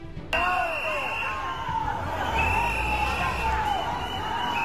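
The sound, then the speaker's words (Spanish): A loud, agitated crowd in Ceuta boos Spain's interior minister and shouts 'coward', many voices overlapping in a continuous jeering roar that starts abruptly and keeps going throughout. “Entre abucheos y gritos de cobarde, Marlaska defendió en Ceuta la actuación de las fuerzas de seguridad”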